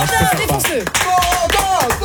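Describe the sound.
The audience of the Super Show Énergie, a live show streamed on Twitch, YouTube and TikTok on a Friday night at 23:27, claps in a steady, dense wash of applause for the evening's challenger, loud throughout, with voices and whoops rising and falling over the clapping.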